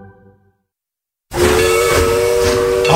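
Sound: steam train whistle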